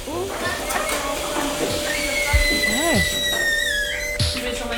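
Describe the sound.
Milking machines, just switched on to milk a herd of 71 cows, run with a steady electric hum and thin, high whining tones that waver and shift, broken by a few dull thumps and brief voice-like calls.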